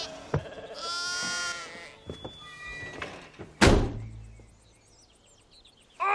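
A single wavering sheep bleat rings out near the start, surrounded by door thumps and a sharp, loud bang partway through, then quiet with a final clatter.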